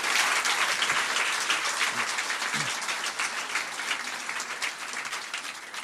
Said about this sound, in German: Vielen Dank für den Applaus.